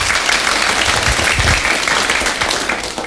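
An audience claps steadily for about three seconds for a friend, a dense, loud patter of many hands that eases off slightly toward the end, with no voices heard over it.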